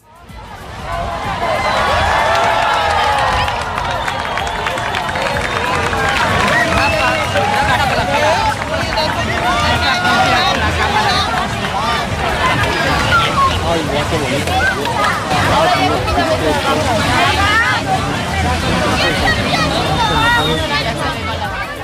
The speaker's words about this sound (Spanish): Finalmente apareció la corona de luz y cuando el sol comenzó a reaparecer posteriormente llegó este segundo aplauso colectivo.